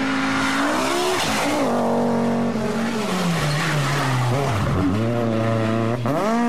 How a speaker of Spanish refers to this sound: Se encienden los motores, se prende la pasión y pisamos el acelerador a fondo.